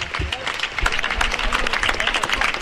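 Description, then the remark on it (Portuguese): An audience in Pontevedra applauds the festival proclamation speech (pregón) steadily, a dense wash of many hands clapping at an even, fairly loud level for the whole stretch, with some murmuring crowd noise mixed in. “Falará o alcalde agora, aplausos sí.”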